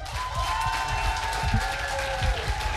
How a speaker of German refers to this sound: Und natürlich noch mal einen bitte ohrenbetäubenden 12-Punkte-Applaus für den wohl tollkühnsten Moderator, den Heide jemals gesehen hat